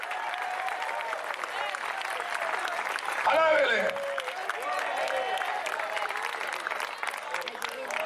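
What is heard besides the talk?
audience applauding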